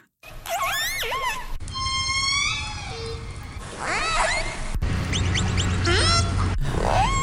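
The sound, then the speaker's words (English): A string of orca calls: squealing, whistle-like cries that swoop up and down in pitch, arriving in several separate bursts over a steady low underwater rumble, with no one speaking. “Those are some orca sounds.”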